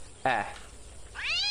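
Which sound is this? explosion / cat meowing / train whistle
cat meowing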